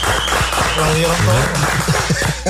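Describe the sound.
A steady wash of audience applause welcoming Robin la Antigua, a politician and president of a Dominican Republic summer baseball team, dense crackling claps sustained throughout, with a voice calling out briefly over it near the middle.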